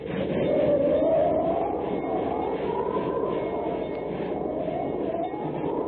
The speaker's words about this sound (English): Precisely speaking, in the Wasatch Mountains, advancing by train toward the perilous pass at Medicine Bow. To thicken the plot a bit for you, if possible, it's coming up for a blizzard.